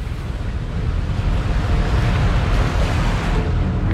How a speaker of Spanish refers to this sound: Mientras Torben y su equipo instalan los laboratorios, el barco se hace a alta mar durante 4 días.